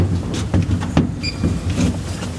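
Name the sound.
elevator door closing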